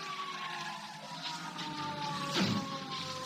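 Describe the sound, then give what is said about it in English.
A car engine drones steadily, then a short, harsh burst of noise near the end as the police car screeches up to a stop. No one speaks. “I was shaking the buzz out of my ears and scrambling to my feet when the police car screeched up to a stop.”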